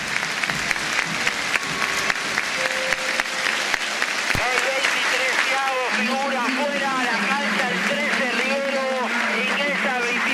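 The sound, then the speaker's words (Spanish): A stadium crowd applauds steadily throughout as River player Thiago Almada is substituted off, a dense wash of clapping, with a commentator's voice speaking over it in the second half. “Sale Thiago Almada y escuchemos los aplausos al espacio.”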